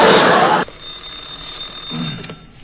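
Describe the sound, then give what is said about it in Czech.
A telephone bell at a dispatcher's desk of the Nimroda national enterprise rings in one loud, harsh half-second burst, then its metallic tone lingers and fades while a faint voice murmurs briefly near the end. “Ano, ano, u telefonu dispečer”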